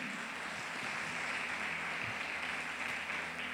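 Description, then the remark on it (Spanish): A church audience applauds God as their Heavenly King in a steady, dense wash of clapping that holds at an even, fairly loud level throughout, with no clear voices on top. “Dele ese fuerte aplauso a nuestro Rey Celestial.”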